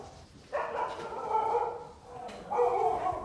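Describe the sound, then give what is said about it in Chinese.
A large dog gives two drawn-out, fairly loud barking calls, each held for over a second with a brief pause between them. No one speaks. “难道女孩子喜欢这么大的狗吗？”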